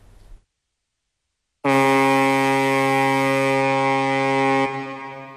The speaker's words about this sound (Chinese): 伴随着悠长的汽笛声，龙推611号正在缓缓地驶离港口。